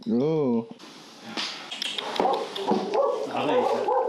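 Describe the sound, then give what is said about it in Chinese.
Dogs on a ranch whimper and yip outside a door in protest while the Mongolian mastiff puppy Pengpeng eats alone inside: a high, wavering whine opens, followed by scattered excited yelps and barks mixed with a busy background of voices. “仿佛感觉到了鹏鹏在家里吃独食，他的亲人们在门外发出了抗议。”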